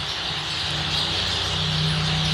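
A dense, continuous stream of starling song, busy chattering and rasping notes packed together at a steady, fairly loud level, with a low humming tone underneath throughout.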